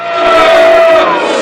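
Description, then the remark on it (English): A loud, dense crowd at a meeting boos and shouts together, many voices merging into one continuous roar that stays steady from start to finish, filling the whole moment. “From the booing section of the crowd, Amos stands up to voice the Shinbone view.”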